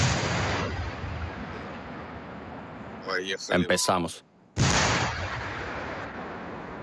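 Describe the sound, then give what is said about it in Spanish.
Tank gunfire near trenches booms out in a tight cluster of loud, sharp blasts over a constant roaring rumble, followed by a brief hush before the heavy noise surges back; a man speaks briefly. “Ahí viene un tanque. Se vienen los disparos.”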